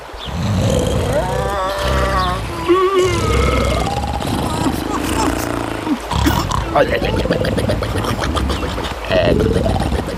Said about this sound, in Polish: Ale słyszę chrapanie. Musimy być ostrożni. Ludzie przecież tak głośno nie chrapią.